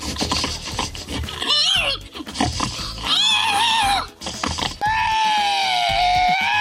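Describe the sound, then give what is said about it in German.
A contestant in a pig-imitation competition in Estonia imitates a pig, letting out a string of loud, wavering squeals and grunts, ending in one long, sustained high-pitched squeal. “der hat gewonnen, deutlich vor diesem schweinigen Geräuschemacher hier.”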